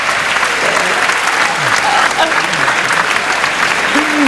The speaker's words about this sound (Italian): Sono proprio belle, sono. Un altro applauso alle maglie della nuova stagione.